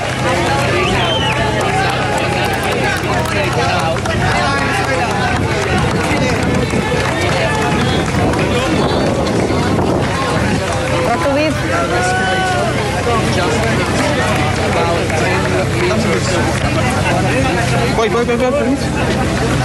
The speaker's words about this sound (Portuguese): É um momento de grande emoção, vê-se a bandeira portuguesa, ouvem-se gritos, vamos ouvir.